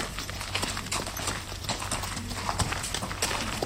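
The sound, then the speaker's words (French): The hooves of a horse being ridden clip-clop in a steady, brisk rhythm of sharp knocks, over a constant low rumble of outdoor background noise, with no talking. “Bien, j'ai eu un peu peur parce que j'avais jamais monté un cheval comme ça, moi.”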